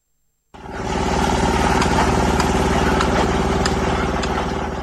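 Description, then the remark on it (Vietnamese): A heavy diesel engine of road construction machinery starts up and runs steadily, a loud rumbling drone with rhythmic mechanical clatter and occasional metallic clanks, at the inter-village road site to Xin Trải village, Khuôn Há highland commune, Lai Châu province. “Âm thanh rộn ràng, sôi động vang lên từ công trường đường giao thông liên bản Xin Trải, xã vùng cao Khuôn Há, tỉnh Lai Châu, báo hiệu một lối mở mới cho sự phát triển.”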